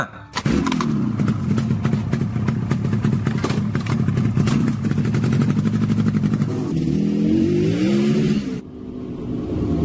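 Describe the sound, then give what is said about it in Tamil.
A motorbike carrying a passenger and heading to a seminar at JIPMER catches abruptly and chugs loudly with a steady, rapid putter. It then revs up and down in pitch as it pulls away, cutting off near the end. “ஆமா ஆமா ஆமா, வண்டியில உட்காரு. சரி சரி சரி சரி, வண்டி எடுக்கட்டுமா?”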